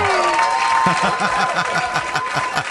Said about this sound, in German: Und das ist mir schon mal einen Applaus wert. Super!